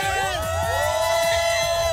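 A group of runners at a Father's Day running race shouts a loud team cheer together on a count of three, a sustained rising chorus of yells with some whooping, filling the whole moment.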